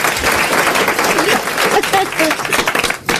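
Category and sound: crowd, audience applause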